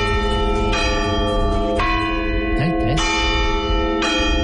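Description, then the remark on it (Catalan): Church bells tolling a slow death knell, loud, with strikes roughly every second or so and long ringing overtones that overlap and sustain between hits. “ha tingut la delicadesa d'enviar-nos un àudio perquè sapiguem d'una vegada per totes com sona el tocamorts de les campanes.”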